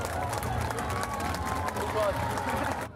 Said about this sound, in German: Hier kommen schon die ersten Kinder ins Ziel. Ein donnernden Applaus.